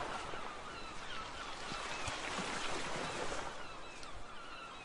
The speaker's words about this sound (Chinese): 海水潮起潮落，声音忽大忽小，忽远忽近，像极了人生那些把握不住的人事物。